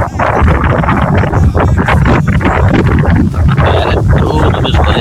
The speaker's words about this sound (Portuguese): Tem bastante ventania por aí.